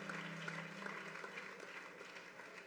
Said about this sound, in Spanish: Démelo un aplauso a Dios.